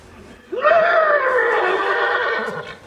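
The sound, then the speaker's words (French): A person imitates a thirsty horse's whinny with a loud vocal neigh that rises sharply, holds a wavering tone for about two seconds, then trails off. “Ça, c'est le cheval qui a soif.”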